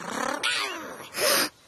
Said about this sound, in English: When you hear the growl, keep going.